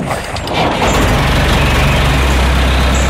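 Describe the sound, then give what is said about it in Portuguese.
A heavy tractor engine, used in hot weather for cutting scrub, rumbles loudly and steadily, its deep throbbing drone building in the first moment and then holding constant, with no voices present. “Cuidado com o trator.”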